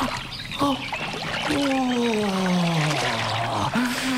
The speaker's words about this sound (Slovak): No ja už mám nohy zodraté po kolená. Trochu si oddychnem. Ochladím si vo vode.